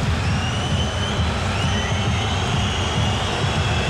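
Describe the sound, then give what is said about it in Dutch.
Football fans at Stadion Euroborg whistle continuously during a Groningen–Fortuna match as Fortuna switches ends, thin high-pitched whistles gliding over a thick, steady roar of fans that stays loud and unbroken throughout. “Het gefluit dat u hoort is omdat Fortuna van kant heeft gewisseld.”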